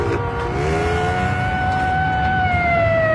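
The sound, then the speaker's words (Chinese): Police sirens wail steadily on a street, their long rising and falling tones held loud and continuous over a low rumble of traffic for the whole stretch. “大街上不断有警笛声传来”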